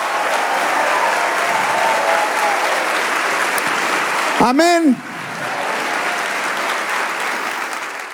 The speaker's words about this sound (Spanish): Si le va a dar ese aplauso, dele ese aplauso.